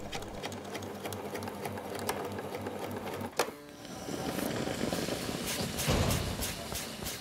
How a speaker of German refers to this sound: Wichtig, die Enden des Hutbandes werden leicht angeschrägt zusammengenäht. Später sorgt genau das dafür, dass sich die Schleife sauber in die Garnitur einfügt.